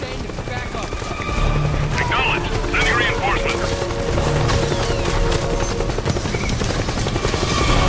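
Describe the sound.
A helicopter roars steadily, its rotor chop thumping through a dense, constant rumble that swells slightly after the first second, with brief voices mixed in beneath the engine noise.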